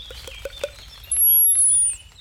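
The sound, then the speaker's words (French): Long-tailed tit calls: a few quick, soft notes at first, then a high, thin, drawn-out trilling call that rings out clearly for nearly a second. “Fauvette grisette. Mésange longue queue.”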